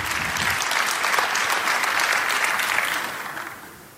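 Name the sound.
audience applause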